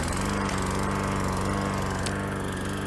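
A lawn mower engine runs steadily, a loud, continuous buzzing drone with a rapid pulsing rhythm that holds throughout without pause.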